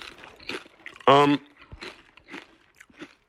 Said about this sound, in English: So, Miss Vicky's great crunch, always. That's my favorite part of the Miss Vicky's potato chip.